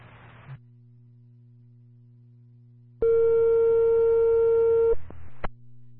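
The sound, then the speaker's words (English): A Lakeville fire dispatch cancel tone, cancelling the response to 351 Twin Lakes Road, sounds as a single loud, steady electronic beep lasting about two seconds, set against a constant low radio hum and bursts of static. “Fire with your cancel tone only.”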